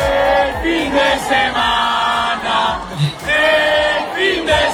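A large crowd chants in unison, many voices singing a rising and falling melodic phrase over and over, loud and sustained with a roaring, echoing wash beneath.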